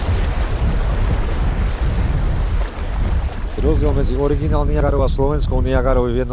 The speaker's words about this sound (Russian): Ровный участок заканчивается. Река вновь делает поворот под прямым углом. Усиливающийся шум воды предвещает очередные пороги. Впереди местный Ниагарский водопад.